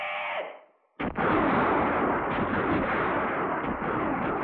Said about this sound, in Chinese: 山谷里只是回荡着一阵阵敌人的乱枪声。伪军便衣队队长空打了一阵，就无可奈何地收起了枪。